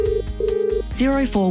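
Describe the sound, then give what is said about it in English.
A telephone rings in two short, steady electronic bursts, followed by brighter warbling, chirping tones. It sounds moderately loud, with a busy low background underneath. “Clear, practical advice to help you make the best loan choices starts with a simple phone call.”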